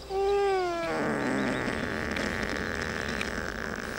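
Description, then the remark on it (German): A sedated ibex, not yet fully under and held down for hoof trimming, gives a short, wavering bleat that breaks off abruptly, followed by steady, rough, rasping snoring breaths that continue at an even loudness. “Ich denke mal, das ist so eine Art Schnarchen, vielleicht auch noch ein bisschen was meckern, weil er noch nicht ganz weg ist.”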